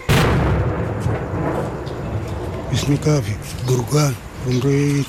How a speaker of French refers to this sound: Quand on entend les bombardements et les tirs des canons, on se met sous les lits pour se protéger. C'est très effrayant. Il est impossible de dormir.